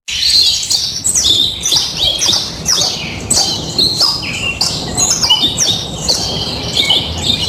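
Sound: caged birds chirping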